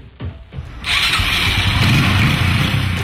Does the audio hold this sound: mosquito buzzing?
no